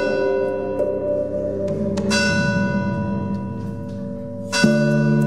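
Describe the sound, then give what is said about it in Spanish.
Church bells in the village of Beceite, Spain, ring out loudly, with new strikes landing every second or two and their rich, overlapping tones sustaining and blending into a continuous metallic hum. No one speaks. “El sonido de las campanas en horario de noche, ¿no?”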